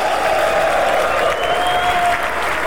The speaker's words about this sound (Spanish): Los hijos de Shaddai aplauden. Ese aplauso a Shaddai.